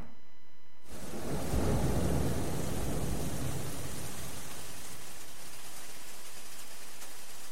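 Steady rain pours down while a deep rumble of thunder swells early on and slowly fades, leaving a dense, even hiss of rainfall with no voices.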